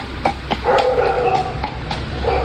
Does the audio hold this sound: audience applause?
no